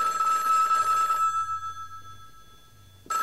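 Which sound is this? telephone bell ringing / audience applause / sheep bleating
telephone bell ringing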